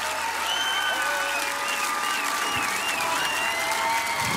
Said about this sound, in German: Großen Applaus nochmal, bitte. Danke euch, danke, danke.